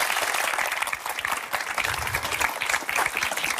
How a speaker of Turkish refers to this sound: Yani bari bir alkış alabilir miyim?